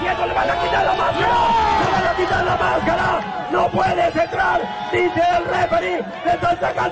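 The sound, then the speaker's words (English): A Lucha Libre wrestling crowd erupts in loud, sustained shouting, cheers and whoops as one wrestler pins another face down and unties his mask, a dense roar of many voices that wavers and surges for about seven seconds without letting up. “This is how the crowd reacted.”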